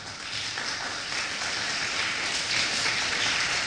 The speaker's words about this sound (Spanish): Ahora sí, otro aplauso al Señor, por favor.